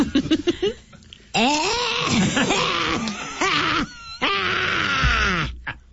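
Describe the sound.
A voice imitates a goat that has smoked for 50 years and has just completed a half-marathon, bleating in strained, wavering groans broken by raspy, wheezy breaths and a few short cough-like bursts at the start, loud and continuous for several seconds.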